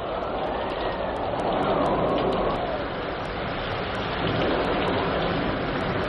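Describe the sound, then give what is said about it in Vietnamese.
Steady, prolonged rain pours down in a dense, continuous hiss, with a broad rushing wash of north wind blowing through it and faint, evenly spaced high ticks scattered on top. “Khi ấy trời đang tiếp mưa dầm gió bấc, đoàn quân của Ngô Quyền người người lớp lớp vượt đèo Ba Dội tiến ra Bắc.”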